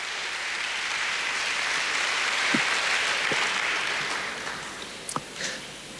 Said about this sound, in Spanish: Denle otro aplauso, pero no, ya lo voy a dejar en paz.